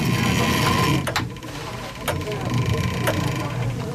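The many-geared clockwork of the chapel clock in Arnsbeck, which has a small motor, being wound with a crank: a steady mechanical whirr and grind, broken by sharp ratcheting clicks that come about once a second.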